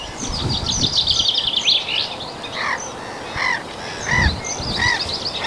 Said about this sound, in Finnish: Naurulokit. Ne on tuossa samalla pellolla kuin aikaisemmissa lähetyksissä.